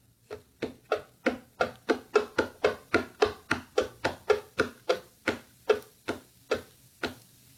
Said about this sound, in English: All right, we've got tapping on a hollow box. Yeah, pretty much.